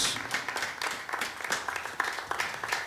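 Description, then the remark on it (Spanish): An audience at a church retreat service claps steadily in thanks to the Lord, many hands making a dense, sharp, crackling patter at a moderate level with no clear shared rhythm, continuing without pause and no voices standing out. “Démosle palmas una vez más al Señor, porque estamos agradecidos.”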